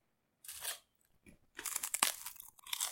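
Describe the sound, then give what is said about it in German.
Dry, brittle crunching of rice cakes being bitten and chewed: a sharp crunch, a short pause with faint clicks, then a longer stretch of loud, irregular crackling bites. “Wow, diese Reiswaffen schmecken wie Vogelkotze.”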